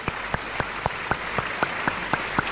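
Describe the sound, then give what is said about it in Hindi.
An audience applauds steadily to welcome debate guests Prem Shukla and Deepak Jha, a dense wash of clapping with a few sharper claps standing out at a regular, brisk rhythm throughout. No one speaks over it. “सबसे पहले तालियों के साथ स्वागत कीजिए प्रेम शुक्ला और दीपक झा।”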